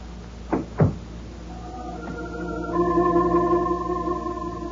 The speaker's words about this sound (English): The door closed, and I was alone.